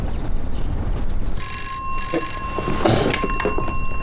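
A telephone bell starts ringing partway through, a loud, continuous metallic trill over a busy, noisy background, and keeps ringing to the end.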